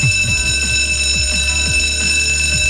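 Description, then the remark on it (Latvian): A school bell rings loudly and without pause on 1 September, a shrill, steady electric tone over a fast rhythmic clatter that lasts the whole time, with no voices. “Ir bija zvans arī skolā.”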